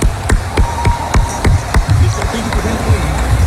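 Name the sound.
crowd applause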